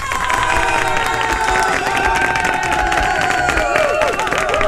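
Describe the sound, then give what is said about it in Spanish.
A loud crowd cheers and applauds continuously, with clapping and excited shouts and whistles blending into a dense, sustained roar that holds steady throughout. It is a sound effect on a morning radio show, applause for people who get up with enthusiasm. “Un aplauso para la gente que se levanta con ganas, con ánimo en este nuevo día.”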